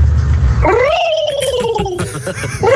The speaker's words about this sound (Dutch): De pauw. Oh. Ja! Zo! Die is goed.